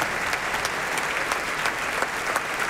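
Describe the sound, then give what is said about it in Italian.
Steady, dense applause from a large audience for conductor Michele Mariotti as he is brought onto the stage and the orchestra stands: a continuous wash of clapping with scattered sharper claps standing out, sustained at an even loudness throughout without any voices. “Ecco, arriva Michele Mariotti, portato sul palco da Amenaide, applausi convinti anche per lui, l'orchestra si alza in piedi.”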